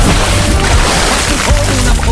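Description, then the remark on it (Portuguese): A loud burst of splashing water, a sound effect, that sloshes continuously for about two seconds, full and noisy with no voices over it. “Joga água no Grude lá, Bossura!”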